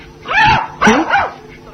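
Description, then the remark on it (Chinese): A dog named Huahua, the fur gone from its head and a pen held in its mouth, gives a couple of short, whiny barks that trail into a brief whimper, fairly loud, with nothing else going on. “怎么变成没毛的狗了？”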